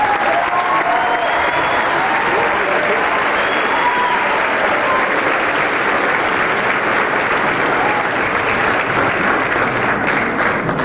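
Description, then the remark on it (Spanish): Loud, sustained applause from a large crowd welcoming a guest speaker fills the whole stretch, a dense wash of clapping at steady volume with faint voices and whistles mixed in. “Yo quisiera que lo recibamos con un fuerte aplauso.”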